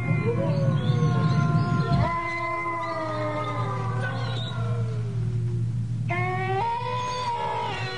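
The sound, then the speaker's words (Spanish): Several coyotes approaching a house howl together in long, wavering, overlapping cries that rise and slide downward, sustained for the whole stretch over a steady low rumble, with no one talking. “Luego, el aullido de los coyotes que se acercaban a la casa.”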